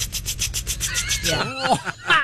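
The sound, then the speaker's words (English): A voice imitates a water sprinkler with a quick, steady run of breathy hissing ticks, then slides into voiced, pitch-sweeping sounds toward the end. “That my water sprinkler impression might be the best one I've ever done.”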